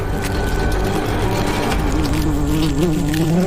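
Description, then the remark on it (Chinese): A dense, continuous buzzing of many bees, loud, humming steadily with a slight wavering pitch throughout and no pauses or voices, as dozens of bees fight off thousands of attacking ants. “但战斗才刚刚开始，刹那间一场可怕的生死搏斗即将上演，成千上万只蚂蚁对抗数十只蜜蜂。”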